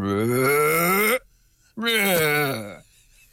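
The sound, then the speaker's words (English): A human voice imitates humpback whale song with two long, moaning calls, the first sliding upward in pitch and the second swooping down, separated by a brief pause. “I'm not sure I can do justice to the full humpback whale voice, but it's something like.”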